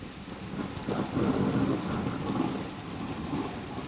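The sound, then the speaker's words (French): A sudden violent thunderstorm breaking after months of drought, with low rolling thunder rumbling in swells over a steady hiss of heavy rain, fairly loud and continuous, with no voices. “Celle de la terre mouillée après des mois de sécheresse sur laquelle éclatent soudainement de violents orages.”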